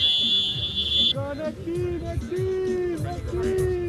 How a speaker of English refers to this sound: That's his phone timer going off. A 5-minute match is done. Time to swap out the losing team for a new group of players.